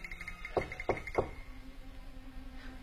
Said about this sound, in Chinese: 803，我看就是这儿了。 里面没有灯光，敲敲门，问问看。 嗯。 轻点，别吓着老人，也别惊动了邻居。